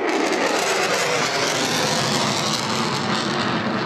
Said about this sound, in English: Plane vertically soaring into the sky. How high is it going at the moment? He's going up to around 12,000 feet, and he'll be there in about 5, 4, 3, 2, 1.